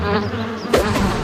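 bee buzzing

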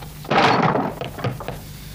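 door banging

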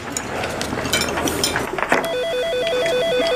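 telephone ringing

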